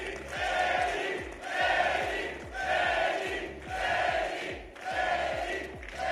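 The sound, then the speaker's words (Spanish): A large crowd at a political event shouts in unison, chanting in strong rhythmic waves about every 1.2 seconds, loud and sustained, with a steady low drumming pulse beneath the voices. “Mucho grito, pero pues es muy claro que no va a terminar ganando.”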